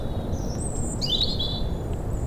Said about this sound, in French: Des oiseaux de la fougère.